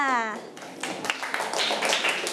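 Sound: children clapping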